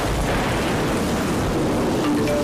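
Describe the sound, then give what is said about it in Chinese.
Steady, dense rain of a rainstorm hisses without a break, with a low rumble of thunder rolling at the start, loud and enveloping throughout. “开始下雨了，大家注意交通安全。”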